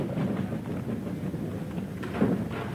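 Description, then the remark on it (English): A train bound for Yetman departs a station in the morning, rolling along the rails with a steady, low rumble and a faint rhythmic clatter, holding at a moderate level throughout with no voices. “I stood watching the train till it disappeared from view.”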